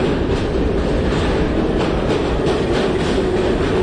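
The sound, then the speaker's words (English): A rattly, bumpy New York subway train rattles and clatters along the tracks in a loud, steady, continuous rumble, with uneven metallic clacking running through the whole stretch and no voices. “So these poor guys acquired this talent on a rattly, bumpy sort of train, sleeping just slumped over.”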